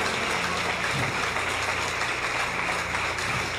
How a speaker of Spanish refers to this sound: Si le va a aplaudir, déselo a él, que él te está hablando.